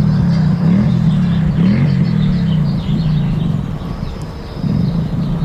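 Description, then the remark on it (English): A motorcycle engine rumbles in a parking lot, its deep throaty drone swelling and dipping as it revs, loud and continuous throughout with a faint clatter of outdoor noise behind it. “And to hear a sound like a motorcycle engine kind of just out of your ear range It really kind of startled me for a second.”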